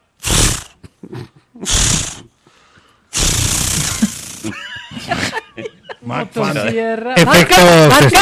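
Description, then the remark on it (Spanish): A voice imitates a chainsaw engine trying to start: a few harsh, breathy pull bursts, a longer rasping rush, choppy sputters, then a loud buzzing rev at the end. “No, pero estaba sonando bueno el intento de encendido.”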